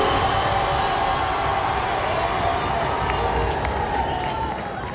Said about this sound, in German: Ja, Applaus.